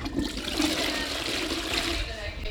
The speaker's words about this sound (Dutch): Iemand op het toilet of gaan we dat gewoon doortrekken en de uitzending is gedaan.